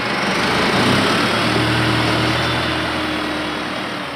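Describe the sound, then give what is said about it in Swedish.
A tractor engine runs steadily, a continuous loud droning rumble with a low throbbing hum underneath, holding an even pitch throughout with no voices. “Han tränar upp andra hästar, är tränare, tränar själv, och om kvällarna sätter han sig i traktorn och lastar in hö till hästarna.”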